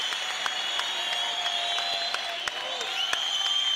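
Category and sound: crowd, audience applauding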